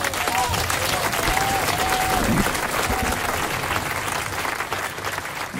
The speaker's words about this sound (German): Ja, die Leute klatschen durch, oder?